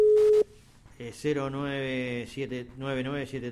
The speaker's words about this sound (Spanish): El teléfono de Álvaro llama, ¿eh? Se ve que está pasando lo mismo que nos ha pasado en otra comunicación.